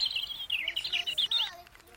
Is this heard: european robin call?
yes